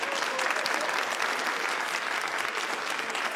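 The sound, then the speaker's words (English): A studio audience at a 774 ABC Melbourne radio broadcast claps steadily after a song, a dense, even wash of many hands at a strong, constant level, with no voices standing out. “but a very big round of applause.”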